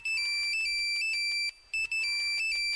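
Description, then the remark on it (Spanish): An electronic cell phone ringtone trills loudly, a rapid warbling tone alternating between two pitches in repeated bursts, with a brief pause midway and no voices. “¿ahora con el celular?”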